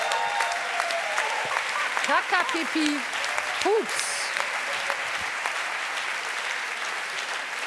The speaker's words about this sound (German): Applaus für eure kreativen Antworten.